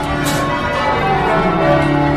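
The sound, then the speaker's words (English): Church bells, rung by teams of bell ringers in the evening, ring loudly and continuously, their overlapping tones blending into a rich, sustained wash of clanging resonance with no voices present. “If you don't like church bells, you don't come to live in this area.”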